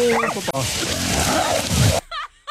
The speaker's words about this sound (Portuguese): Olha o cachorro. Olha o cachorro, olha. Olha onde ele tá, ó.